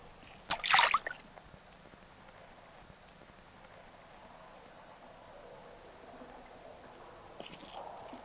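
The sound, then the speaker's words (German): A fish makes a single sharp splash in the water, breaking the quiet and lasting under a second, followed by a faint, steady ambient hush with occasional soft trickles. “Habt ihr das gehört? Das war bloß ein Fisch.”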